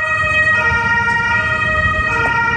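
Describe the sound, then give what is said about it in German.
A steady, held siren tone from an emergency vehicle rings out continuously over a low rumble of road traffic, fairly loud, with no voices, as fire engines and ambulances attend a collapsed residential building on Moltke-Straße in central Görlitz. “Feuerwehren und Rettungswagen sind vor Ort.”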